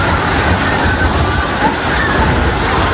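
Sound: earthquake rumbling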